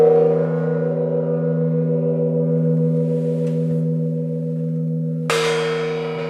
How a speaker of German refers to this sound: Hier zum Beispiel der Original-Gong.